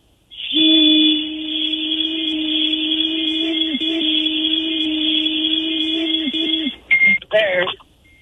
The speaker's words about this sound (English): Wait. It's still beeping. Have you passed yet? It's still warming up. How annoying.